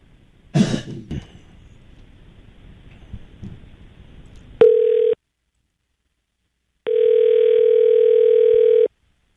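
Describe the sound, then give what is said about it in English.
A cough and throat clearing come first, then a telephone line tone sounds twice: a short steady burst followed by a pause and a longer ringback tone of a call to a cell phone that goes unanswered, loud and clear with no talking. “And of course you're not going to answer it because it's the same guy. He's got two cell phones.”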